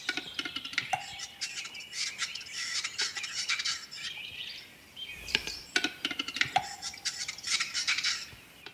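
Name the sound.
capercaillie display call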